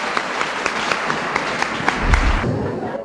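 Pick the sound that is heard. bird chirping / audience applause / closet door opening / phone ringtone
audience applause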